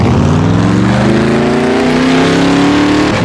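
A muscle car engine revs loudly, a deep throaty rumble whose pitch climbs steadily as it accelerates and holds high near the end. No voices, just the roaring motor throughout.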